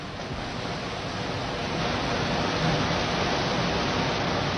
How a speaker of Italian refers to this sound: Non so se vi giunge questo rumore. Arriva perfettamente. Ecco, questo non è un fiume, è la via Cerretani, è la via Pansani. è il cuore di Firenze, invaso dall'acqua.